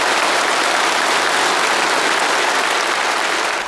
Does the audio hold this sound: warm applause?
yes